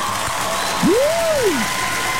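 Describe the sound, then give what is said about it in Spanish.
Steady, dense applause on a Radio Disney broadcast fills the whole clip, a continuous hiss of many hands clapping, with a single rising-then-falling tonal whoop briefly sounding over it midway. “Denle un aplauso fuerte a Viri.”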